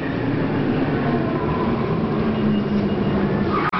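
A car brakes hard without anti-lock brakes, its tires locked in a loud, steady skidding screech over road rumble for several seconds before the sound cuts off abruptly. No voices.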